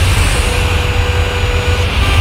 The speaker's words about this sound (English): Ugh, so much traffic.